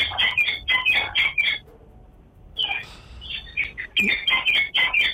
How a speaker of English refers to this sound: Put something in the parrot mouth. Give the parrot a bread or something now.